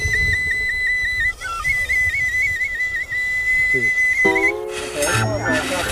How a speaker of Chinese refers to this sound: 你们会不会吹口哨？ 不会。 会吗？ 不会。 吹口哨。